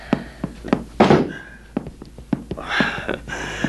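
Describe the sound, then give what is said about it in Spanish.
A door being opened: a handful of sharp thuds and clicks, a louder rattling bump midway with a short creak, then more light knocks, with no voices. “Abrir la puerta y encontrarme con un encanto de criatura.”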